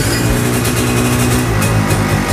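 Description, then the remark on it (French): A two-stroke kart engine runs steadily and loudly, its buzzing, raspy drone holding a fairly constant pitch with slight rhythmic wavering throughout, with no voices. “Ça c'est vraiment le bruit d'un moteur deux temps, une machine extraordinaire aux sensations incroyables.”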